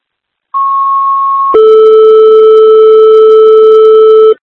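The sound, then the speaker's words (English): Loud Fire Control dispatch alert tones for a call to 6812 East Ava Road: a steady high-pitched tone holds for about a second, then jumps straight to a lower, buzzier tone that sustains for roughly three seconds before cutting off, with no voices. “Fire Control is live in Second Tones.”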